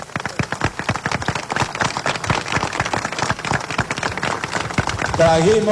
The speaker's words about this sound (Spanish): ¡Un fuerte aplauso!